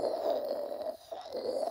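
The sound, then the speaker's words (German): A stovetop moka pot (classic screw-together coffee pot) gurgles and sputters as hot water is pushed up through the coffee grounds, a steady bubbling hiss that wavers briefly, dips, then resumes, with no voices over it. “Wenn das Wasser heiß genug ist und durch das Pulver hochgedrückt wird, dann hört sich das so an.”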